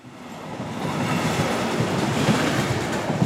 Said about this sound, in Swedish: Nu är den första provturen avklarad. Att köra eldrivet persontåg mellan Storlien och Trondheim på den nyelektrifierade Meråkerbanan. Det gick enligt den planen vi hade och vi var faktiskt framme i Trondheim till och med 23 minuter före tiden.